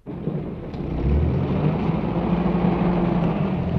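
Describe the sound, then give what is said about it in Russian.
A heavy bus engine rumbles to life and swells within the first second, then holds a deep, steady drone with a faintly rising tone as the bus pulls away. No voices. “Автобус трогается”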